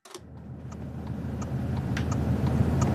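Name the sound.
car driving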